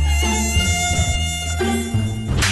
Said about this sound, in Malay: sekarang ni, nyamuk Aedes banyak. Nyamuk Aedes? Apa tu Abang Sibah? Kalau Akil nak tahu, Aedes boleh menyebabkan penyakit demam denggi yang menjadi masalah utama kesihatan di negara kita.